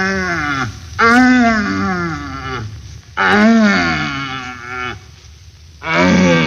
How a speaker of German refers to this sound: Hirschbrunst hat begonnen. Wir pirschen mit einem Jäger durch den Wald zu einem ihm wohlbekannten Brunftplatze und hören auf dem Wege dorthin nacheinander schwache, mittelstarke und ganz starke suchende Hirsche, deren Verlauten man auch Knören nennt.